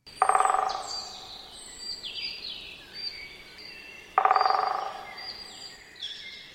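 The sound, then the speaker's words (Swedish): Two short, rapid bursts of drumming by a great spotted woodpecker on wood, each a fast rattle lasting under a second, ringing out clearly over a background of chirping songbirds. “Det är en kort trumning som den större hackspetten har.”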